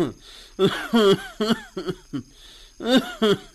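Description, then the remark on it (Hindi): A man coughs in a series of rough, throaty bursts, several in quick succession with short pauses, loud, in a strained fit, coughing up blood. “अरे यूँ क्या हो रहा, थारी खांसी में तो खून भी आ रहा है साथ में।”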